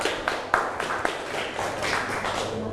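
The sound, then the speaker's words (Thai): A group of children in a classroom claps for group 2 at the teacher's request, in a dense, steady patter that lasts the whole stretch, with a few sharper claps standing out near the start. No one speaks. “เก่งมากกลุ่ม2นะคะปรบมือให้เพื่อน”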